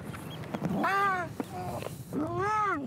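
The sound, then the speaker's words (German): Two drawn-out, wailing cries from two young harbour seals of about 10 kilos each, carried in a plastic bucket through wet salt marshes, each cry rising and falling like a plaintive bleat, with a short pause between them and faint background noise. “Für Jan bedeutet das, mit 2x10 Kilo Seehunden und einem Plastikkübel durch nasse Salzwiesen stapfen.”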